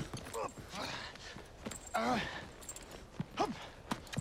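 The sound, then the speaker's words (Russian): Horse hooves clip-clop in a few uneven steps, mixed with snorting and breathy sounds, as a white horse with grey dapples moves off carrying a battalion commander who has just mounted the saddle outside a hut. “Комбат садится в седло.”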